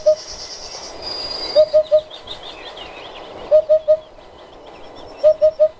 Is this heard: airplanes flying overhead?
no